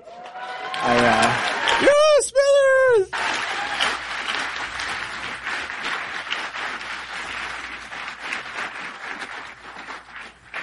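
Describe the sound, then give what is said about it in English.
A crowd breaks into sustained applause for Mayor Gladys of Smithers, dense steady clapping that fills the whole clip, opening with loud high whoops and cheers over the first few seconds before settling into even clapping. “We're going to give an applause line that we're going to be here a while, aren't we?”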